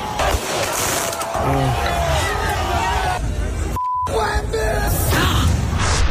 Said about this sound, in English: 63 arrested, 4 stabbed, 1 shot during Knicks title celebrations in New York City. Have a listen to there. They decided to get all the fireworks out. Have a listen to New York.